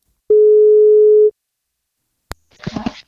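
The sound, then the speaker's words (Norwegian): A single steady telephone ringing tone hums for about a second as a call is placed to reach a parent of a newborn, followed by a click as the line picks up and a brief voice answers. “Vi skal prøve å ringe og se om vi får tak I en av foreldrene.”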